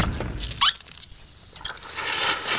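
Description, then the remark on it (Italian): A tap gives a brief squeak, then tap water runs into a water bottle that shows the water temperature, with a steady hiss that swells louder toward the end, broken by a few small clinks and splashes. No one speaks. “Ad esempio, adesso un attimo la riempo sotto il rubinetto.”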